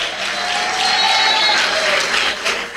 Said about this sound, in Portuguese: Só aqueles que têm a paz pode bater palmas e dar glória.